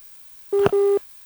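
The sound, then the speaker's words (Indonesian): A WhatsApp phone call's disconnect tone: two steady electronic beeps at one pitch, back to back with a tiny click between them, clear, with no one talking. “Aduh, terputus.”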